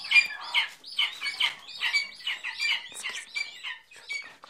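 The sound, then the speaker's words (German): Hungry lesser spotted eaglet chicks, among 26 being hand-reared at a rearing station in a forest in Potsdam, Germany, call loudly in a continuous stream of overlapping high, chirping peeps repeated rapidly with no pauses and no voices. “Knopfaugen, unfassbar flauschig, sehr laut, wenn sie hungrig sind. Schreiadlerküken.”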